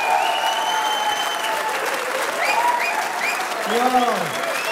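Steady audience applause for the performing group a band, a dense wash of clapping that holds at an even level throughout, with cheers and a few rising and falling whistles cutting through.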